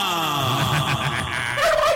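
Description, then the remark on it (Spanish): A loud turkey gobble sound effect played on the radio station 96.0 La Cordobesa, a rapid throaty warble that rattles on for about two seconds and rises at the end, clear with no talking. “Ponle pavo.”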